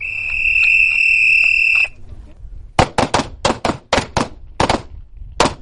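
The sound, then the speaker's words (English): A steady, shrill electronic tone sounds for about two seconds and cuts off, followed by a loud, irregular volley of roughly nine sharp gunshots cracking in quick succession, fired on a Friday night in the desert by 31 Imperial Valley College students in a nighttime shooting class for law enforcement careers. “On a Friday night out in the desert, 31 students from Imperial Valley College are in a nighttime shooting class, preparing for careers in law enforcement.”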